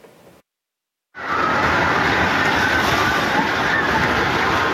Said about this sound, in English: You can hear the screams of terror as the earthquake struck.